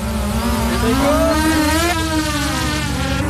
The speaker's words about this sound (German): Das nächste Team startet eine Angriffsdrohne. Bereit!